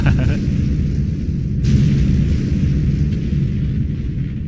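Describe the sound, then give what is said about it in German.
Loud, rumbling explosions fill the air, a dense low boom sustained throughout, with a sharp burst near the start and another crack about halfway through, like fireworks going off. “Das Feuerwerk ist startklar? Aber sicher, du kannst es hören in 3, 2, 1.”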